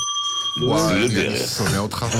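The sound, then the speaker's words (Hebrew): A bell on a radio show rings with a clear, sustained tone for under a second, then fades as people start talking loudly and continuously over it. “היה לך אתמול חופש מהפעמון, מה אתה בוכה?”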